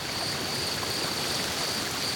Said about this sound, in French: J'entends un cours d'eau et du vent dans les arbres. Mais pas de son, bestiole.